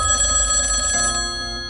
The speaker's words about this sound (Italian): È mezzanotte e squilla il telefono.